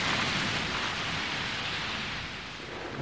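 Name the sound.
thunderstorm with heavy rain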